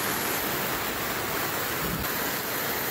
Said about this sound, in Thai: เห็นไหมทั้งลมทั้งฝนทั้งฟ้าเลยอ่ะชาวบ้านบอกหลับไม่ได้จริงๆนะครับเพราะว่าฝนตกหนักในพื้นที่มีทั้งฟ้าผ่าฟ้าร้องแล้วมันมีน้ำป่าไหลหลากเข้าทั่วบ้านเรือนของชาวบ้านนะครับจุดที่หนักที่สุดก็คือตำบลบ้านตึกอำเภอศรีสัชนาลัย